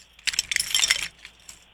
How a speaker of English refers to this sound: Here we go. I'm going to get my keys out.